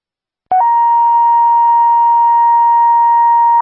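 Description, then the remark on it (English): A dispatch paging alert to the fire hall, calling additional Hibbing ambulance personnel to an ATV crash on Cary Lake Road for a second patient: a brief, slightly lower tone jumps straight into a long, steady higher tone held for about three seconds, loud and electronic, with no voices. “And then I also need a page to the fire hall to have another couple people respond for the second patient to drive the ambulance as well.”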